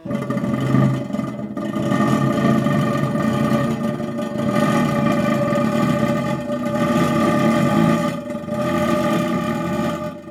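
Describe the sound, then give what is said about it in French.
A Russolo intonarumori crackler (Crépitateur), a noise instrument of Luigi Russolo, grinds out a loud, continuous, engine-like rasp with buzzing tonal bands, swelling and briefly dipping a few times over ten seconds, with no voices. “extrait des exemples sonores de Intano Rumori de Luigi Russolo. Très sérieux d'ailleurs, ces bruits du monde qui nous entoure, qui peuvent devenir la musique.”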